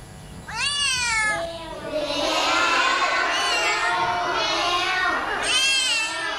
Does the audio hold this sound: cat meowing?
yes